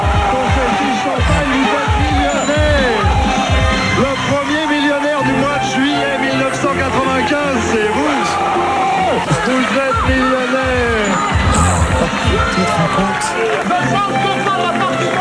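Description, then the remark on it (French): The audience of the 1990s French game show Le Millionnaire erupts into loud, sustained cheering and shouting, a dense wall of many overlapping voices that stays at full strength for the whole stretch. “Explosion de joie.”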